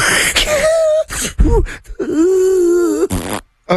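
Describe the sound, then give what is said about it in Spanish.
A voice imitates snoring: a low, droning groan, then a couple of rough snorting bursts, then a longer wavering nasal rumble that cuts off abruptly, with no words spoken. “Eso es otro ronque.”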